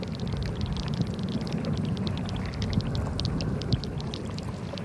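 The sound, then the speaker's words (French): Water laps and sloshes steadily and gently underground, with a soft continuous rumble beneath frequent small splashy ripples, unbroken throughout, with no voices. “J'entends leur doux clapotis.”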